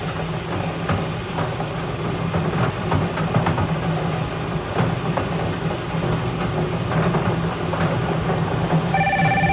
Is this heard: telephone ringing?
yes